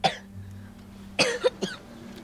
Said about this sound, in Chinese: 你怎么一直咳嗽了啊？上胃咳吗？你发烧了啊？